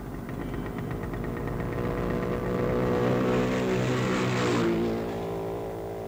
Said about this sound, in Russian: Сколько было мотоциклов? А я почем знаю? Штук 5? Ты должен знать. Учись замечать все. Проехало 6 мотоциклов.